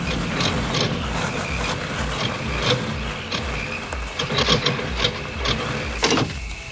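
A car engine rattles and clatters steadily, with rhythmic low thumps and brief sharper knocks as it struggles and sputters. No one speaks.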